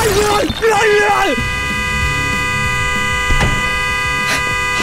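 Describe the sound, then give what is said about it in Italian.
A car horn blares in one long, steady, unbroken tone that fills the whole stretch, loud, with a voice briefly audible at the start. The horn is sounding because someone's head is resting on it inside the car. “Scusi, sposto la testa che fa rumore con lo clacson, che c'è la gente che dorme.”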